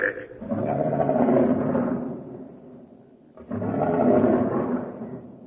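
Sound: lion roaring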